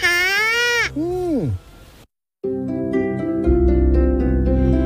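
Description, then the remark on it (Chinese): Two loud, bleating calls from reindeer in a large migrating herd, the first long and wavering, the second a short falling cry, followed by a brief silence and then steady rhythmic music. “这些陆地上的旅行家就是驯鹿。”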